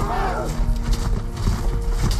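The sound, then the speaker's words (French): A cavalry charge of 300 knights at full gallop, a loud, dense drumming of rapid hoofbeats that never lets up, with a high whinny near the start and voices mixed into the din. “Il a pris les devants avec 300 de ses meilleurs chevaliers, lançant une chevauchée à bride abattue.”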